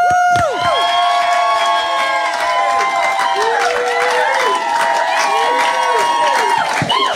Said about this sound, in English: and in our breakout room, it's …, and we've got a bit of a crowd as well. Hello, guys.